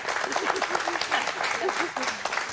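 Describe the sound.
An audience applauds steadily, a dense wash of many hands clapping at even loudness throughout, with a few voices calling out beneath it.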